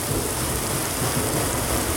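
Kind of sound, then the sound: nature, rain with thunder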